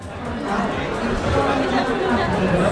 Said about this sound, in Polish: Ponad 100 wystawców, wiele wydarzeń i tłum ludzi, co zapewne mogą Państwo poznać po gwarze, który panuje wokół.